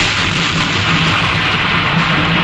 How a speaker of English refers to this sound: The sound of thunder.